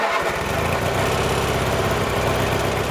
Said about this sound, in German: Bis dahin ist noch viel zu tun und deshalb schwingt sich Preet jetzt wieder auf seinen Rasenmäher und macht weiter.